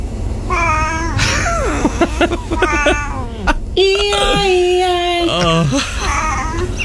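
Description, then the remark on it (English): A cat meows repeatedly, a string of loud, plaintive calls that rise and fall in pitch, including one long, drawn-out wail near the end. “The cat is just like, please stop. Feed me already.”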